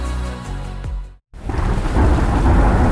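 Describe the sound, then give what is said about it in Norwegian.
Rain pours down steadily once again after a low rumble of thunder rolls in, with a brief silent gap before the downpour swells, loud. “Ja, der kom regn igjen.”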